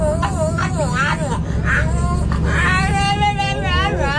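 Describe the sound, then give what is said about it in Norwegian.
A French bulldog sitting in a pram on a bus, just boarded with its owner, whines and grumbles in warbling, almost talk-like bursts, with the steady low rumble of a bus engine underneath throughout. “En hund som prater på bussen.”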